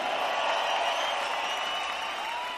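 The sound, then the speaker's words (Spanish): A dense, steady wash of audience applause at a rock concert for female rock singers, many hands clapping at once with a faint crowd murmur, sustained and fairly loud throughout without any talking. “Que siga ese aplauso, chico, para estas grandes cantantes rock and rollera.”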